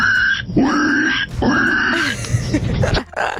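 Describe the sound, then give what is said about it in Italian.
A man from Bologna imitates a pig, producing a couple of drawn-out, squealing oinks followed by rougher snorting grunts, loud and nasal, with no other talk over it. “io so fare il verso del maiale.”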